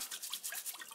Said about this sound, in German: Der Trüffelsammler muss seine Ausbeute jetzt noch gründlich reinigen. Ich wasche sie unter fließendem Wasser ab. Mit der Bürste.